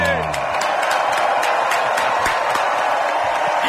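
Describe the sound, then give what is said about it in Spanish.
A crowd in the morning at the plaza of the radio show Hoy por Hoy claps for the live headline act in a steady, dense burst of applause that stays loud and even for several seconds, with a trailing voice audible in the first moment. “esta mañana en la plaza de Hoy por Hoy, con todos nosotros, un aplauso gigante para lo grandísimo.”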